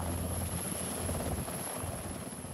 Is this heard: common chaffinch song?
no